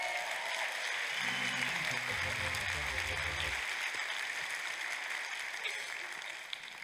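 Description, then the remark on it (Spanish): An audience applauds Jehovah in a dense, steady wash of clapping that holds for several seconds, with a voice briefly calling out over it early on. “¡Aplausos a Jehová!”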